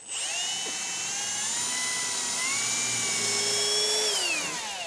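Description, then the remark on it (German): A power drill whines steadily as it bores a hole, its high-pitched motor tone sliding up and down with load for several seconds, loud, with no talking. “Nee, nee, bohren tut das einmal frei.”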